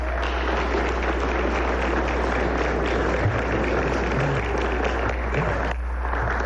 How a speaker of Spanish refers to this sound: Así que creo que merecemos, yo creo que un aplauso a todos estos atletas y todos los que están.